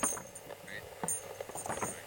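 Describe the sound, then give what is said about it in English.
Soft, irregular shuffling and rustling as someone turns around in place, a few light scuffs and taps at a low, quiet level. “That sort of shuffling noise?”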